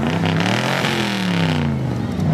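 A 1981 DeLorean DMC-12 car engine revs loudly at the Redhill Dream Cruise in the evening, its throaty pitch climbing and dipping in continuous sweeps, with a steady low rumble underneath and no clear talking.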